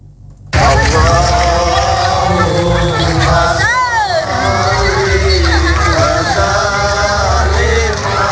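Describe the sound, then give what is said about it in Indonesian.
Hundreds of residents marching in a torch procession for the Islamic New Year 1448 Hijri in Kota Baru village, Negeri Agung district, chant sholawat in unison amid their footsteps, loud and continuous under a dense murmur of voices, with one voice briefly swooping up and down. “Suara langkah kaki ratusan warga yang berbaris berbondong-bondong diiringi dengan lantunan solawat riuh terdengar di kampung Kota Baru Kecamatan Negeri Agung mengikuti pawai obor peringatan Tahun Baru Islam.”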